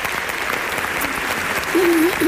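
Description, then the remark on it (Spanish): A theatre audience applauds for the absent choir director, dense, steady clapping at an even loudness, while a single voice briefly rises above it near the end. “te mandamos un beso y un aplauso desde el teatro, desde tu teatro.”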